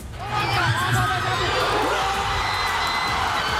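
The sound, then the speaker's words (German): A huge crowd of thousands of Paraguay football fans on a fan mile in Asunción, Paraguay, erupts in sustained, roaring cheers after the 1:0 goal against Germany, a dense wall of shouting voices that swells quickly and stays loud throughout. “Nicht einfach nur Jubel, direkt eine Explosion aus tausenden Kehlen war das auf Asuncions Fanmeile Palmas und Alberdi beim 1:0 gegen die deutsche Elf nach 42 Spielen.”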